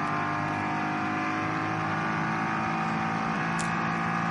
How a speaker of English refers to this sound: Is that the Komoda? Yeah, the Komoda racing car. That's obviously way down the order because it lost at least a lap. I was just coming out of a slow zone.